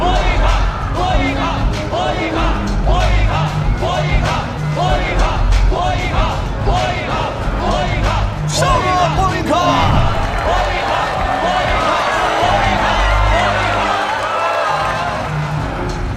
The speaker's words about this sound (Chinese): 那么，拿好你们手中的钞票，睁大你们的双眼，在红色角落即将出现的这一位战无不胜的斗士，让我们掌声有请 尤里·波伊卡。